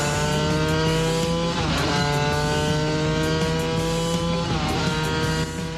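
old car engine running

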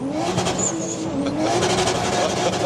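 sports car engine revving

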